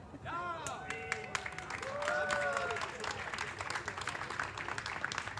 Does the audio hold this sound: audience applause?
yes